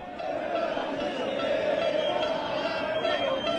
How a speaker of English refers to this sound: Dallas, Texas. The World Cup game and fans from Argentina and some Americans too. It sounded like this. Now imagine you're in this crowd and it's your name being chanted.